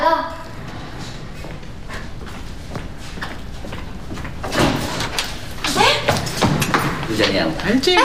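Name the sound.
door being opened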